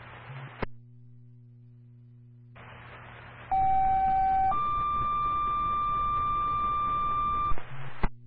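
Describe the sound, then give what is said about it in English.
A loud two-part dispatch radio cancel tone cancelling an ambulance call to a single-car motor vehicle rollover: a steady pitch for about a second, then a higher sustained tone for three seconds, framed by bursts of radio static and squelch clicks. “Open ambulance, this is your cancel tone, repeat and cancel tone for the motor vehicle rollover at this time.”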